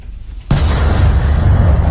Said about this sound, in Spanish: Fuertes explosiones esta madrugada en Kiev.